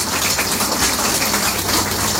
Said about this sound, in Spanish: De pie, hermanos de San Lorenzo, queremos verlos. ¿Dónde están? Démosles un fuerte aplauso a nuestros hermanos de San Lorenzo.